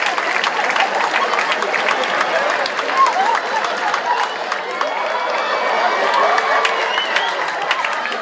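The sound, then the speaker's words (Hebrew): A crowd applauds steadily, dense clapping mixed with cheers and scattered whoops, holding at an even, fairly loud level for several seconds. “איפה כפיים”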